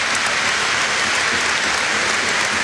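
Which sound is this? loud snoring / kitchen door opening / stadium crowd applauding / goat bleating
stadium crowd applauding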